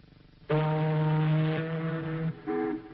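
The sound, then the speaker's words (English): A voice imitates an ocean liner horn with one long, low, steady blast lasting nearly two seconds, then a brief second toot. It is loud, with no other talking. “Now, an ocean liner?”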